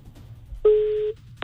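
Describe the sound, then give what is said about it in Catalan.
A single steady telephone tone sounds for about half a second, like a ringback as a phone call is placed again, followed shortly by a brief click; no one speaks. “Tornem a trucar-la.”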